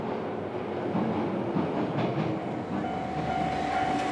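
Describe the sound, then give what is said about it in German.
A local railway train in the Toyama area of Japan, heading toward the Kurobe Gorge and leaving the coastal plain, rolls steadily along the tracks: a continuous rumble with faint rhythmic clatter and a thin tonal whine rising in the last second, no voices. “Weiter geht es mit der Lokalbahn.”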